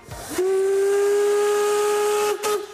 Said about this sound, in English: The historic steam locomotives are a tourist attraction in the Harz Mountains. You shouldn't miss them. This is the narrow gauge railway. It goes up to the highest peak here in the Harz, the Brocken, right in the national park.